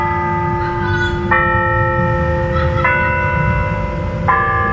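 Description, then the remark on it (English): Clock chimes in the Berea Triangle strike the hour: deep, resonant bell strikes ring out at a slow, steady pace, three of them in a row, each leaving a long humming overtone that lingers beneath the next. No one speaks. “Hearing the time in the Berea Triangle.”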